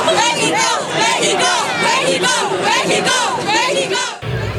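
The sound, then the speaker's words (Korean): A large crowd of Mexican football fans in Guadalajara chanting and shouting "Mexico" loudly in unison ahead of a World Cup match against South Korea, with rising and falling group voices filling the whole clip before cutting off abruptly near the end. “손흥민의 나라에서 온 한국 취재진을 볼 때마다 반가워하는 멕시코 팬들이지만 다가올 맞대결을 의식한 듯 멕시코를 외치는 목소리는 점점 커지고 있습니다.”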